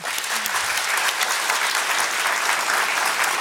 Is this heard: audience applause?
yes